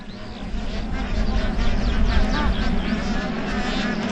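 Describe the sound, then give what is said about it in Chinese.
A mated pair of black-necked cranes call in a perfectly synchronized, overlapping duet, a dense run of bright, rising honks over steady low background rumble, sustained for the whole stretch. “完美同步的啾啾和鸣，展现了黑井贺夫妻亲密和谐的夫妻感情。”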